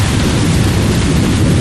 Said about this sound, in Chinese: 下雨